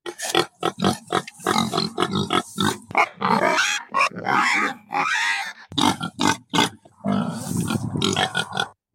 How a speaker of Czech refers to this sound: Tak co, uhádli jste? Určitě to znáte. Je to prasátko.